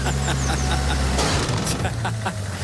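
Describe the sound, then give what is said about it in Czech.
A pitchfork stabs into a car with a sharp, loud metallic thud as the car drives away from the place, in a film scene, followed by a second smaller hit, all over a steady low rumbling hum. “taková ta rána na konci té ukázky, tak to byly vidle, které se zapíchly do auta Jenkovi Čermákovi, když odjížděl z toho místa.”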